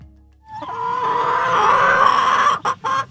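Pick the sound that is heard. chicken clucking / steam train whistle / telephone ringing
chicken clucking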